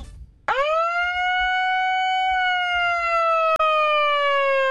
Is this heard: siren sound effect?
yes